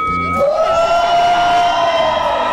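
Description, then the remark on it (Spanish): A large live crowd roars with shouting and cheering, loud, with one high voice holding a long whooping cry above the sustained din, at a radio station's live 32nd anniversary event in the Valley of Mexico. “Un grito, señores, de toda la gente hermosa del Valle de México de Cristal 103.7.”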